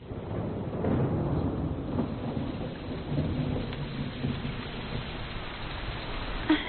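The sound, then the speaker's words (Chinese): Steady rain pattering and dripping on roof eaves, a dense continuous wash of drops with low rumbling underneath, no voices, holding at an even level throughout. “雨滴在屋檐上跳舞呢。”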